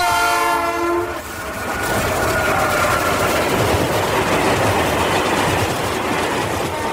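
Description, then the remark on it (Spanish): A loud train horn blares for about a second, then the steady roar and rumble of a train rolling along the rails continues with a rhythmic clatter. “6 de mayo, 146 años del primer recorrido del ferrocarril en el estado de Sonora.”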